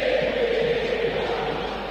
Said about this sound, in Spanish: Tiro de esquina para River, escucha el Monumental. Suena la de Johnny. Suena la de Tolengo, escucha. Hablando de cosas retro. Grito histórico en el Monumental.